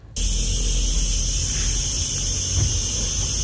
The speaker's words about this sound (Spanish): Ah, una chicharra, perdón. Acierto, Carmen.